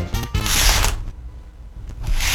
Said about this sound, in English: Now, it looks and sounds like a spray bottle.